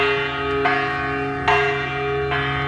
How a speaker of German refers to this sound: Das ist eine Glocke, klar, aber unten an der Glocke, da hängt die österreichische Künstlerin Florentina Holzinger dran und das natürlich nackt.